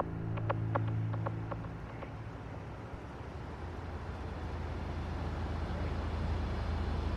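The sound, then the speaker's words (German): A steady low hum fills the inside of a parked car, with a few faint clicking taps near the start before settling into an even, droning background rumble. “Nein, wir werden nicht in diesen Laden gehen, sondern hier im Auto bleiben und abwarten, was im Diner passiert.”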